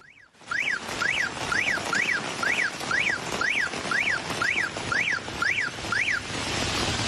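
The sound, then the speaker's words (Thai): A flood warning siren in Sa Kaeo, Thailand, rises and falls in quick, steady sweeps, about twice a second, repeating without pause over a constant roar of heavy rain, sounding since the previous night as heavy rain made water overflow. No one speaks. “จากระยองไปสระแก้วฝนที่ตกหนักทำให้น้ำเริ่มโอ่เอ่อล้นแล้วก็ตั้งแต่เมื่อคืนนี้แล้วนะครับสัญญาณแจ้งเตือนภัยเนี่ยดังขึ้นมาครับ”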